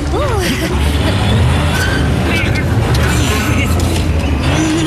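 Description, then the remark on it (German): A small vehicle, Felix, strains its motor to pull a large cable drum at a construction site, but the drum won't move. The motor drones loudly and steadily for the whole stretch, a dense low rumble that never picks up, with brief vocal sounds near the start. “Aber sein Motor ist zu schwach. Sie bewegt sich einfach nicht vom Fleck.”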